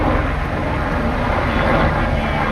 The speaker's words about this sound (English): A helicopter drops a bucket of water over the flames in Fontainebleau Forest, about 60 kilometers from the French capital.